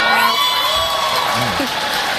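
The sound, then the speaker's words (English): A dense, steady roar of a large audience at an award show cheering and whooping, with bright overlapping shouts and cries rising above the crowd noise throughout. “Listen to that crowd reaction.”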